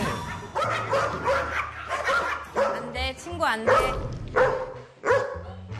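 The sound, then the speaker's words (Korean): A dog named Pari barks excitedly at a guest arriving, in a rapid, loud series of yips and bow-wows, with some whimpering pitch sweeps, while people talk over it. “손님이 입장하는 순간, 어머어머, 얘들아, 너는 환영 인사가 너무 격렬한 거 아니니? 파리야, 진정해.”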